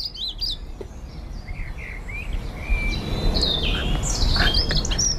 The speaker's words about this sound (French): C'est vous qui l'avez choisi, ce sont des oiseaux qu'on écoute en ce moment.